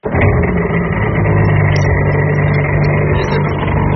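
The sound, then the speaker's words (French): A jet ski rented from Cabourg Jet roars steadily at Cabourg on the Côte Fleurie, Calvados, Normandy, ridden for the first time and heading out to sea, a loud continuous motor drone with a low rumbling hum that holds its pitch for the whole few seconds, with no voices. “Et dans le Calvados, aujourd'hui sur la côte fleurie à Cabourg, vous allez monter pour la première fois sur un jet ski.”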